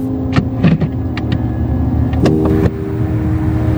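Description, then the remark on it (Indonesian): The engine of a red ride-hailing car idles with a steady low rumble, a few sharp clicks and knocks scattered over it, and a brief swell in the hum partway through. “Padahal tadi drivernya bilang sudah dekat. Bukan mobil yang depan sana, yang warna merah.”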